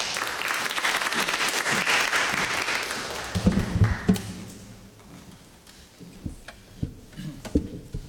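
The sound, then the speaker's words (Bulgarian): An audience at a ceremony applauds a singer about to perform, a steady wash of dense clapping that thins and fades out over several seconds, leaving a few scattered claps and small knocks at the end. “Така че аплодисменти.”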